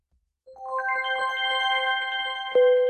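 An air raid all-clear alert in Kyiv plays as an electronic chime: a rising run of bright, layered tones that ring steadily, closing with a louder sustained note. No one speaks.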